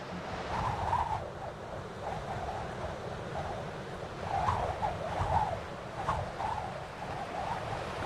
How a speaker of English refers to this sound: Falling winds lash the surface of the water. Waves can reach meters in size